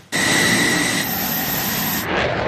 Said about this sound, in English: This F-16 fighter jet blasting off from Andrews Air Force Base just after 7 a.m. in hot pursuit of this Cessna plane, which has entered restricted airspace in a training exercise conducted by the Coast Guard and NORAD.